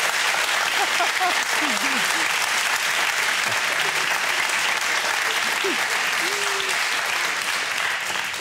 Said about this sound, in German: Und der Applaus geht nach Lebenstedt. Danke.